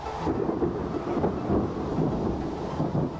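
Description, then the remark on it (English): Heavy rain pours down on the slopes of the Bergisches Land, Germany, in a dense, continuous wash, with a deep rumbling undertone that could be thunder. It stays steady and fairly loud throughout, with no voices. “and unload their wet carriage on the slopes of the Bergisches Land.”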